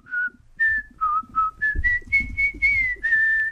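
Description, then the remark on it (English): A person whistles a short melody of about nine clear, pure notes, rising gradually in pitch and ending on a held tone, fairly loud with light background rumble. “Do you want me to whistle it? You can whistle it.”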